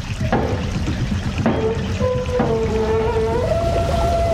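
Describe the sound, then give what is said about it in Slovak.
A mill's sluice gate is raised by turning a wheel, its mechanism creaking and groaning in drawn-out squeals with a few knocks, over a steady, loud rush of water pouring through the millrace. “Hej, sused, potočte tým kolesom. Zdvihnite stavidlo.”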